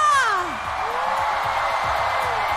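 An audience applauds and cheers to welcome a four-member band from Tsinghua University, in a steady, dense wash of clapping that lasts throughout, with a rising-and-falling whoop standing out at the start.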